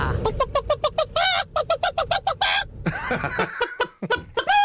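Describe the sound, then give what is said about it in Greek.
A voice imitates a hen, making a rapid series of short, clipped clucks in a steady rhythm, then breaking into a few higher, drawn-out squawking calls. “και νομίζω ότι κάνω πολύ καλά την Κότα.”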